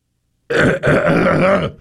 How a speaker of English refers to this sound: No, then they'll think you're sick and they want you to wear a mask or use a cough drop. They don't like that when you just sit there and hack.